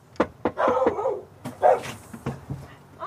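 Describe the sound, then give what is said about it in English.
A dog named Basil, at a rented home in Richmond, Virginia, barks in a quick, irregular series of sharp barks and higher yips, fairly loud, with short pauses between bursts and no one talking. “He just wants to sniff you.”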